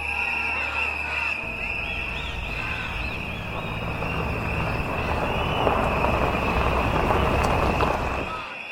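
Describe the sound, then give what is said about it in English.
A steady, low rumble of trucks far off, holding at a fairly even level throughout, mixed with outdoor background noise, faint chirps and a thin high-pitched whine. “The rumble of trucks sound in the distance like thunder.”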